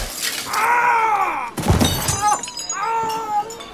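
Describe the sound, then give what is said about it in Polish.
A glass bottle shatters in one sharp crash as it is smashed over a man's head, with a brief scatter of breaking glass, framed by loud, drawn-out vocal cries just before and after. “Rozbił mu pan głowę butelką.”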